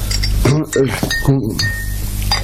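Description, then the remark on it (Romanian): A couple of sharp glass clinks ring out as a bottle touches a glass while a drink is poured, with people talking over a low steady hum. “Și dăm sticla aia.”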